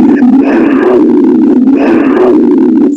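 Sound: tiger roar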